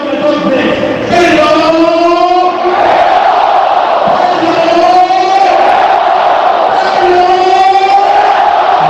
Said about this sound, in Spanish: Otra de las imágenes, el momento en el que mantean sus compañeros a Pedro León. Gritos de Pedro, Pedro, acompañado por con palmas por los aficionados.